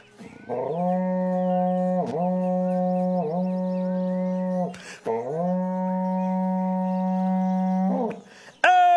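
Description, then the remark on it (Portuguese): A berrante cattle horn blares loudly in one long, steady, buzzing note, with a few brief warbling dips and a short break before a second sustained blast. “para vocês agora, um berrante daqueles, olha só.”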